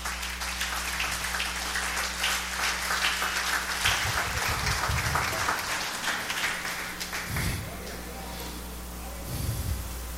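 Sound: audience applauding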